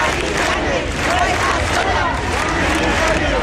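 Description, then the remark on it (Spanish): A dense protest crowd, called by the Sindicato de Inquilinas, gathers with banners in front of the so-called Ático de Ayuso on Paseo del General Martínez Campos against the eviction of an 87-year-old woman, shouting and chanting continuously, many voices overlapping into a loud, steady roar with no pauses. “Convocados por el Sindicato de Inquilinas, se han reunido frente al conocido como Ático de Ayuso con pancartas y gritos en apoyo a la anciana de 87 años.”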